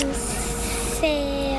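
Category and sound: vehicle, airplane engine starting up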